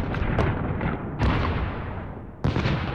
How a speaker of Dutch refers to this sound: Zo klinkt een bombardement.